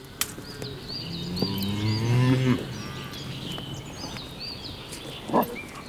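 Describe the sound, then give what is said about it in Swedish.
A cow lets out one long, deep moo lasting about a second, while small birds chirp steadily in the background of an open outdoor setting; a brief knock follows near the end. “Skogen är så stor. Den är full med kor.”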